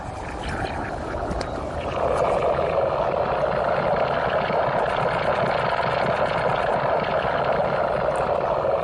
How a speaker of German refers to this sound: Das Innere eines Komposthaufens haben Sie da gehört. Zu erleben war die akustische Installation letztes Jahr beim Kunstfestival